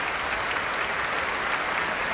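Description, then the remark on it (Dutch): Sustained, dense applause and a standing ovation from a large concert audience fill a reverberant hall after a performance by two soloists, the Grote Omroepkoor and the Radio Philharmonisch Orkest, a steady wash of many hands clapping with no voices standing out. “Bravo geroep hier vanuit de zaal. En een staande ovatie.”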